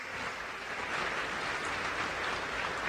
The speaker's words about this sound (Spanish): El IMSS, por ejemplo, aquí está Zoé Robledo, director del IMSS, muy buen director del IMSS, un aplauso para Zoé.